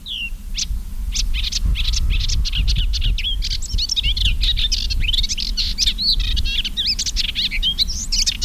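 A male melodious warbler perched on a stem sings a rapid, unbroken stream of high chirps, twitters and short trills, bright and lively for the whole stretch, over a steady low rumble of background noise.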